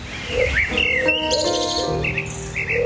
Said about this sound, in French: De leurs fenêtres, ils peuvent entendre les roucoulements des pigeons perchés dans les marronniers.